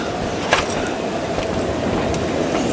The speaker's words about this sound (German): Aber wollen Sie bis nach Nottingham fahren? Oder Liverpool? Oder wo auch immer sonst dieser gottverdammte Zug hinfährt?